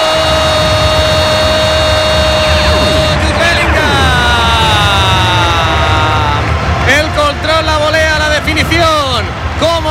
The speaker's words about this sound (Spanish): Ahora el Juven Gironi empieza a animar a los suyos. También lo hacían desde el banquillo.